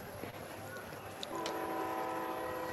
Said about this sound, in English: The rare train coming through this time of the day in Granville, echoing across the mountainside. It's a good sound. I like it.